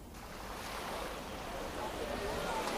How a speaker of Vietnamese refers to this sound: Sáng sớm ở bến cá Phú Hải, phường Phú Thủy, tỉnh Lâm Đồng, khi những con tàu tất bật chuẩn bị đá lạnh, nhiên liệu và nhu yếu phẩm cho chuyến biển mới,